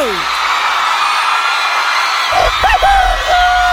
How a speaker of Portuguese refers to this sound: salva de palmas pro Leonardo!